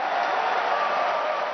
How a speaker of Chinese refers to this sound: 在世界杯期间，香港多间商场举行多彩的看球活动。21号恰逢父亲节，很多球迷一家大小来商场看球。 球迷的欢呼声，